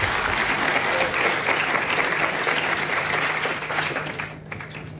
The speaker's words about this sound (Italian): Allora, ringrazio il già avvocato con cui spesso abbiamo rapporti, il ministro delle imprese del Made in Italy, Adolfo Urso, che chiamo sul palco, se mi fate un applauso per cortesia, grazie.